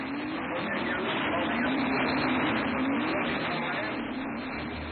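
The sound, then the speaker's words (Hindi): The engine of a scooter being ridden drones steadily and loudly for the whole stretch, its low buzzing pitch wavering slightly up and down under a dense wash of road and wind noise. “अरे धीरे स्कूटर, धीरे चलाओ ना।”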